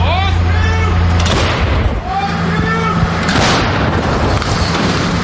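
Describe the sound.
Two heavy artillery blasts boom out about two seconds apart, loud, from a French-supplied gun fired by a Ukrainian paratrooper crew, with a rumbling roar and voices and outdoor noise continuing underneath.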